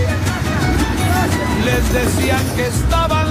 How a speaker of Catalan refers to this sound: Doncs estem ara mateix sobre aquest tren. Hem pujat per poder entendre aquesta... El sentir, el tren. És a dir, per tenir aquesta visió, aquest tren que va en marxa